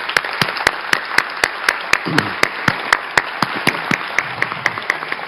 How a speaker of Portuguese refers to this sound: Peço uma salva de palmas a todos eles.